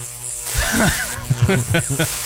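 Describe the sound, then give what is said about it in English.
A voice imitates a crackling live electrical wire under a vehicle: a steady hissing buzz overlaid with warbling, sputtering vocal bursts that pop in a quick, irregular rhythm, fairly loud. “A crackling live wire under my vehicle.”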